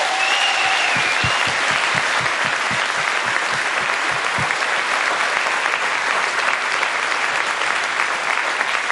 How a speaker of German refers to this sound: Sollen wir mal kurz einen Applaus für die Leute geben? Ja.